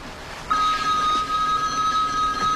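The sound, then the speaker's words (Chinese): A telephone rings in an office with a steady electronic tone that starts after a brief pause and holds unbroken to the end, clear and fairly loud against a soft background hum, with no talking. “泰德在办公室里接到了一通意外来电，来电话的人竟然是 乔安娜。”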